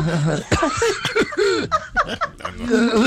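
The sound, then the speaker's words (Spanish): A woman lets out a string of loud coughs, exaggerated and theatrical, mixed with voiced groaning sounds, roughly half a dozen bursts in quick, uneven succession. “No, doña Belarmina tose. Yo toso.”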